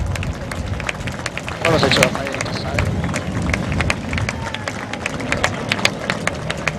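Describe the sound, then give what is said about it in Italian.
A large crowd at a Frecce Tricolori air display claps steadily for several seconds, applause dedicated to themselves, a dense patter of many hands with murmuring voices mixed in, swelling briefly near the start and then holding even. “Noi in pattuglia abbiamo girato ogni nazione e vi posso assicurare che nessuno è uguale agli italiani, e quindi il prossimo applauso io lo dedicherei a noi stessi.”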